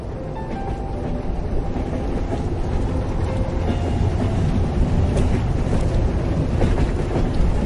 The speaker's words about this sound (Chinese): 请想象，您正坐在一节摇晃的车厢里，窗外是冬季的喧嚣，但随着列车哐当哐当有节奏的前行，它一头扎进了一条长长的隧道，周遭瞬间陷入一片黑暗与轰鸣，空气也变得沉闷。